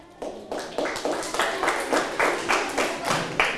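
A class claps for group 1 of classmates after a correct answer in a maths lesson, in a steady, rhythmic unison, about ten sharp claps at an even pace, fairly loud and with no voices over it.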